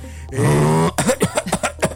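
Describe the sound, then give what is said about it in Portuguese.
A voice imitates a man's choking snore: a long, harsh, buzzing rasp that rises slightly in pitch, followed by about half a dozen quick, sputtering gulps and gasps. “Aí quando engasga...”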